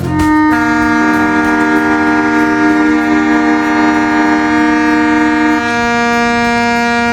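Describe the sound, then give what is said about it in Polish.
Loud sirens blare in a continuous, steady tone at 4:45, breaking the silence at a memorial ceremony by the Monument to the Coast Defenders, several overlapping pitches held for the full seven seconds with no speech, one layer dropping out near the end. “To zgodnie z tradycją, ciszę i zadumę o 4:45 przerwał dźwięk syren.”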